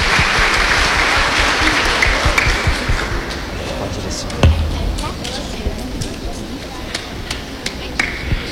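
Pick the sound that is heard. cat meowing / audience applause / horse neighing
audience applause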